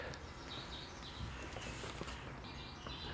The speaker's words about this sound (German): Die Vögel zwitschern, der Frühling kommt, wir haben noch Hoffnung.